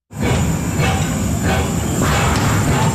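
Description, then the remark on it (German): A historic coal-fired steam tram, Switzerland's first steam tram under heritage protection, runs through the city of Bern after a year of overhaul, rumbling steadily with dense low mechanical clatter and rhythmic swells of hiss, a thin high whine running through the continuous, loud noise, with no talking. “Das Dampftram ist nach einem Jahr Revision jetzt wieder in der Stadt Bern unterwegs.”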